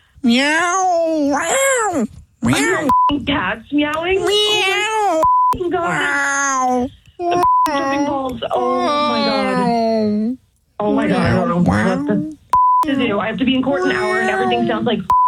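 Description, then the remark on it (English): A long, nearly continuous run of cat meows heard over a phone call, loud with rising and falling wails, broken by a few short electronic beeps. “I have to be in court an hour and everything sounds like cats.”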